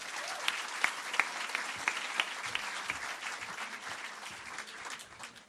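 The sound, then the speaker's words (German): An audience at a competition final claps steadily for several seconds for a finalist from Nuremberg, a dense crackle of many hands with a few sharper individual claps standing out, easing off slightly toward the end. No one speaks over it. “Finalistin und natürlich bitte ich euch wieder bei den Finalverdingen auf den Applaus auch für die Dame aus Nürnberg.”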